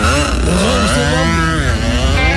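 A motocross bike's engine revs loudly, its pitch rising and falling in quick sweeps with a harsh, buzzing two-stroke rasp throughout.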